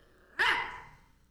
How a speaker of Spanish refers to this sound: Este es uno de esos sonidos. ¿Cuál? Los ladridos de tu mascota.